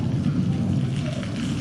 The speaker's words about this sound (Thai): อุ๊ยตอนนี้ฝนตกแล้ว